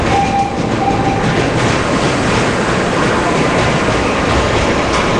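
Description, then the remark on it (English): A loud, steady rumble of an elevated train of wood and metal rolling through a city, with a thin metallic ringing from the brakes early on, heavy vibration filling the whole stretch and no voices. “you really get a sense of the lumbering weight of the train, the wood and the metal. So you can hear the vibration and that ringing of the brakes.”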